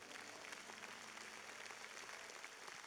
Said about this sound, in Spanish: Dale un fuerte aplauso.